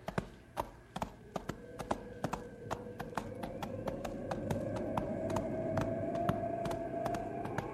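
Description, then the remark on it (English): Horse hooves walk along a trail while snow falls, a steady clip-clop, the sharp hoofbeats repeating evenly over a low rumbling background with a faint rising whine. “Wish my horse thought so. We better push a little faster.”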